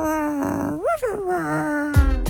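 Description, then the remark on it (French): A voice imitates a small dog's growl, a sustained rough whine with rising yelps, fairly loud, ending with a couple of sharp bursts. “Qui a tourné en chien, en chiot.”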